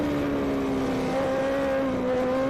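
600cc racing motorcycles roar past the finish line on the Modena circuit, a loud, steady high-revving drone whose pitch wavers slightly as the bikes go by, with no voices.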